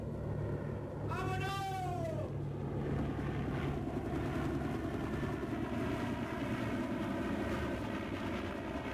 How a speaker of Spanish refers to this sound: El helicóptero empieza a despegarse de cubierta, mientras los guardias continúan apuntando con sus armas.